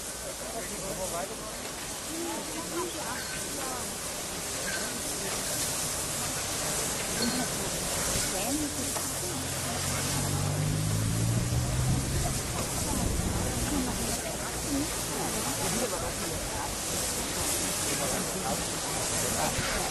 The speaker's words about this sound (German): Während die Lok jetzt hier auf die Scheibe kommt, kann man schon mal ein paar Worte dazu verlieren. Die Maschine ist eine Dampflok